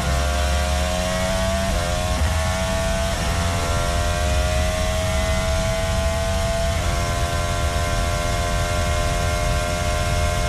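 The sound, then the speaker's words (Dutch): A Formula 1 car engine screams at high pitch, its tone stepping through several quick gear shifts as it brakes into the Ascari chicane at Monza, Italy, loud throughout with no voices. “het geluid van de auto van Carlos Sainz bij het insturen van de Ascari op het prachtige Monza”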